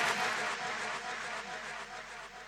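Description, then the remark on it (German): A crowd applauds and cheers at the end of a song played on Hellfire Radio, in a dense, steady wash of clapping that stays fairly loud throughout, easing off only slightly toward the end. “Ja, ja, Applaus zu Recht.”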